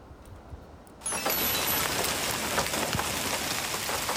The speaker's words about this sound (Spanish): Y esto es Cataluña. Allí la tarde ha estado pasada por agua. Las fuertes tormentas van acompañadas de rachas de viento que pueden superar los 90 kilómetros hora y granizo de gran tamaño.